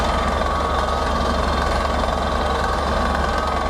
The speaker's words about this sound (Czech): Horské ticho v posledních dnech ruší rachot vrtné plošiny. Vrtači se musí dostat hluboko pod povrch.